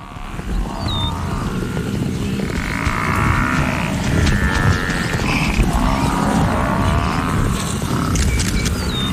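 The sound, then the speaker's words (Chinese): A lion pride attacking African buffalo in a hunt that is not going smoothly for the lions: deep growls and drawn-out bellowing moans over a constant heavy rumble of trampling and scuffling, loud throughout, with a few thin bird chirps above. “当狮子捕杀非洲水牛时，形势可能瞬间反转。”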